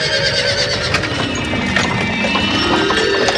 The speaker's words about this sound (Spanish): El dios Mercurio, cansadísimo, reposa en una nube hasta que ve venir a la noche en un carro llevado por dos caballos.